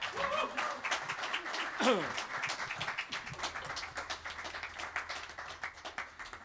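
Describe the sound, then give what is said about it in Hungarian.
A concert crowd applauds two vocalists and a singer joining a band on stage for the evening, with many hands clapping in a dense, continuous patter that fades slightly toward the end, some faint voices and a brief whistle-like sweep near the start. “Nagy tapsot nekik!”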